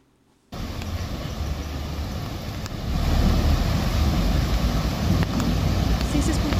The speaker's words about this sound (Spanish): Estamos escuchando la corrida del agua, del desbordamiento del río y cómo queda varado, se mete un desbordado automovilista, el conductor de una camioneta y después ya no puede salir.